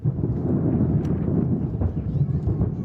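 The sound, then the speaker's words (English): Fireworks boom in a steady, rumbling barrage at a large July 4th display in New York, with a few sharper bursts cracking through the dense low roar and a faint murmur of a crowd of thousands underneath. “Well, despite the severe weather, New York put on a large firework display to mark July 4th celebrations.”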